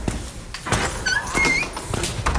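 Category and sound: sound effect, door opening sound effect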